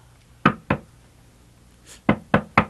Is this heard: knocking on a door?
yes